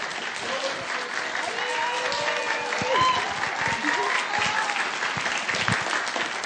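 An audience claps steadily, a dense, continuous wash of many hands lasting several seconds at an even loudness, with faint voices and cheers mixed underneath.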